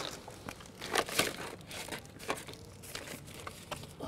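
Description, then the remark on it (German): A plastic bag left beside a public trash bin crinkling and rustling as it is rummaged through for clues to who dumped it, an irregular series of crackly bursts with a few louder crunches, no voices. “Eine Plastiktüte neben einem öffentlichen Mülleimer. Vielleicht finden Sie ja hier Hinweise auf den Absteller.”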